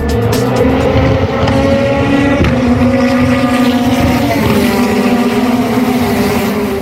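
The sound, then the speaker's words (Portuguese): Racing car engines made by TMC roar loudly and continuously, several overlapping engine tones droning and shifting pitch as they rev, with no voices present. “Ronco do motor, né, Marcondes? Os motores da TMC participando aí diretamente.”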